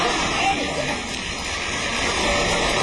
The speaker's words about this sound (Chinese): 观众的一鼓掌，说明观众满意。